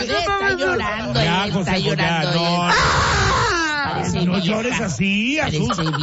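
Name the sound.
girl crying loudly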